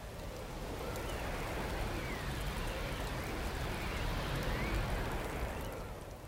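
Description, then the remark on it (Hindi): Steady rain pours down in a dense, even hiss, with a low rumbling wash underneath, as in a storm. It fades in and out gently with no voices. “इस दौरान बर्फबारी के साथ पतझड़ के मौसम की बारिश शुरू हो गई। साए साए आंधी चलने लगी।”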